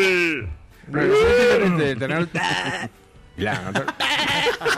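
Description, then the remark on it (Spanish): Several quavering goat bleats ring out loud, one after another with short gaps, wavering in pitch like a small herd calling at a farm. “Uy, sonó la vaca, miren quién llegó. Y el chivo también. La granja. Sí, la granja entera.”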